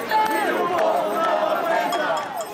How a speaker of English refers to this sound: Protesters have been marching through the streets of Portugal's capital, Lisbon, against high rents and low wages.